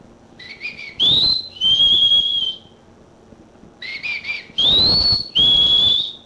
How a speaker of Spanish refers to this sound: ¡Uy, hombre, absténgase! ¡Solo chiflele, hombre!